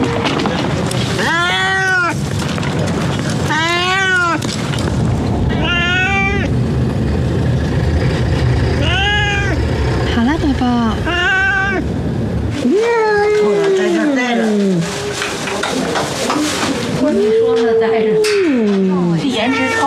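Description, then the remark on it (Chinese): A cat meows repeatedly in drawn-out, wavering cries spaced every couple of seconds, loud, with a steady background rumble and some handling noise throughout, as the cat is picked up from behind to be put into a box. “箱子的左边是从背后拿猫的。”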